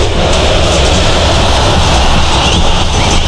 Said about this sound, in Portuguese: Som da Arena, esse é a festa do torcedor.